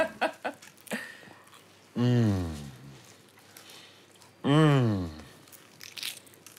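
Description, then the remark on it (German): A few quick crisp crunches of someone biting into a croissant, followed by two long, appreciative hummed "mmm" sounds while chewing, with soft chewing noises between them. “Croissants. You want to taste? Ja. Darf ich reinbeißen?”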